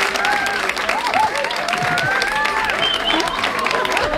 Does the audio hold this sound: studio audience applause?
yes